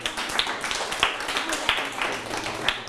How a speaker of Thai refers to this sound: ปรบมือให้ตนเองครับ